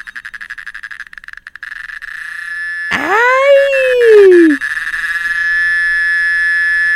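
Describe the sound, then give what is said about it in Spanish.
A loud cicada drone, first rapidly pulsing and then settling into a continuous shrill buzz. Partway through, a brief voice exclamation rises and falls over the steady buzzing. “Ya encontré un sonido de una chicharra, vamos a escucharla.”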